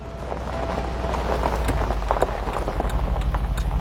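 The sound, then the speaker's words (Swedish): A steady low rumble of a car driving along a gravel road past farmland on the Costa Cálida coast of Spain, with continuous crunching and popping of stones under the tires, fairly loud throughout. “Jag kör bil på en grusväg.”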